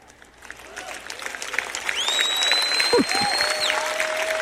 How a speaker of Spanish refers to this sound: Ese aplauso comenzó medio débil.